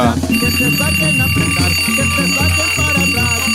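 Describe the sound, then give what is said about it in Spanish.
A loud alarm clock rings with a bright, repeating electronic melody over a steady rhythmic pulse, sounding continuously throughout with no talking, sent as a wake-up alarm for children on a weekend morning to get up for breakfast. “Y para los niños les voy a mandar un despertador, porque yo sé que hoy es fin de semana, hoy no se levantan temprano, pero ya hay que levantarse a desayunar, niños.”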